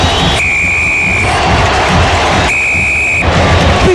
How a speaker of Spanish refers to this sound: Y será triunfo de la U por 2-1. Ahí está. Viene el pitazo del juez.